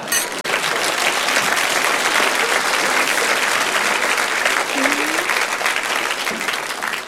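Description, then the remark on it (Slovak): An audience claps steadily and loudly for about seven seconds as a man drinks a toast with wine, a dense, even wash of many hands with a few faint voices mixed in. “To je poprvé, co piju a lidi tleskají.”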